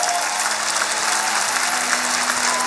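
A crowd applauds a team of dancers steadily, a dense, even wash of many hands clapping at a constant loud level throughout, with no voices standing out.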